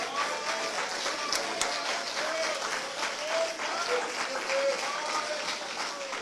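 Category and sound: crowd, audience clapping hands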